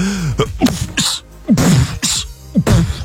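A voice imitates sneezing in a beatbox style, a rapid rhythmic series of sharp, breathy bursts and clipped vocal pops repeated about half a dozen times, fairly loud.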